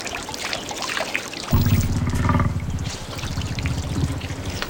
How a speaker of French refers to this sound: Ah, ça doit être notre mammouth laineux qui se désaltère. Le fleuve Léna est tout près. Suivons le clapotis de l'eau.